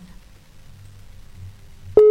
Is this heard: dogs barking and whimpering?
no